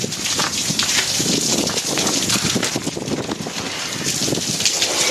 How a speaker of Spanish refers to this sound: Varios vehículos terminaron con los parabrisas rotos por el impacto de piedras de gran tamaño que cayeron en la zona